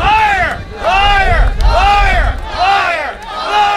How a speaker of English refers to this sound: Protesters booed and shouted liar as they denounced government's about turn on holding a referendum on the deal.